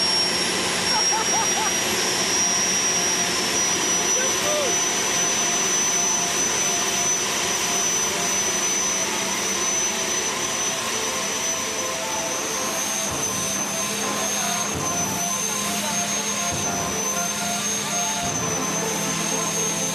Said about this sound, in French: Oh le bruit, vous imaginez même pas le bruit que ça fait à l'intérieur de la voiture. Oh là là.